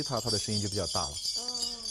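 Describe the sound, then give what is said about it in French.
Large bells of differing sizes and pitches, from a Tibetan region, clang and jangle as they are shaken, a steady metallic rattle running throughout, with a voice-like harmonic sound early on and a sustained ringing tone at the end. “Ces cloches très intéressantes font plus de bruit si vous les secouez.”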